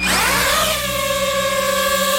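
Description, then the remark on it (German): A small camera drone used for aerial filming and photography buzzes steadily in flight, its high-pitched whirring motor whine rising and shifting in pitch at first, then settling into a constant loud drone with no voices. “Ja, Drohne, eine kleine, eine, wo man aus der Luft filmen kann, wo man fotografieren kann.”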